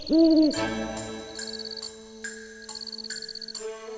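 A single clear owl hoot opens, fairly loud, then fades into a steady humming tone with soft, regular ticking pulses about twice a second.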